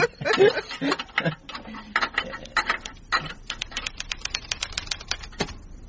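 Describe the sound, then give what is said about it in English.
Rapid typewriter keystrokes clack in an uneven burst as a report is typed, then settle into a steady run of sharp, evenly spaced strikes, fairly loud, with no voices over them. “I have finished typing our little report on Mr.”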